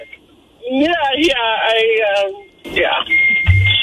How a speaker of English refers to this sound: What is that beeping? I think the French fries are ready. It doesn't sound like a turning signal.